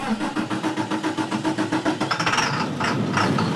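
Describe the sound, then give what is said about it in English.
A Jefferson County school bus engine turns over in a quick, regular chugging rhythm, then catches and settles into a steady, loud rumble with a higher whine on top. No one speaks. “But Ray Solomon reports the buses still have to keep rolling.”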